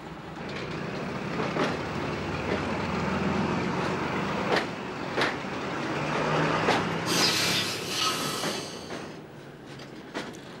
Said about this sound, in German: Jetzt geht es rapide abwärts der Küste zu. Viermal täglich fährt ein Zug diese Strecke. Dieser, 8.10 Uhr ab Bastia, ist angenehm, weil die Fahrt zwischen Frühstück und Mittagessen liegt.